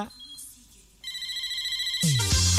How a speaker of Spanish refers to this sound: Este es el teléfono.